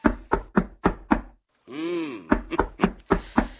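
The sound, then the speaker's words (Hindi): Loud, rapid knocking on a door, about five sharp raps, then a drawn-out vocal call, followed by another urgent burst of knocks. “लगता है मिया कोई बड़ी मुसीबत आन पड़ी है। आइए दरवाजा खोलिए।”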